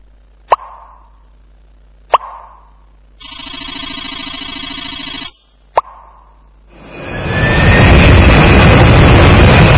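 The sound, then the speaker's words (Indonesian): A jet airplane engine roars up loudly and holds a steady, whining rumble to the end, following a few sharp plops and a pulsing electronic ringing tone earlier on. “Selain ke luar kota, kita juga bisa pergi ke luar negeri dengan pesawat terbang.”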